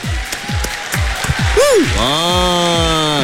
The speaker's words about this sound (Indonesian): Jadi apapun, saya nak ucap tahniahlah kepada anda yang dah berjaya buat aktiviti pada hari ini. Satu tepukan yang luar biasa untuk anda.